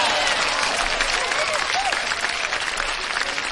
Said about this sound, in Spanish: Un aplauso para mí.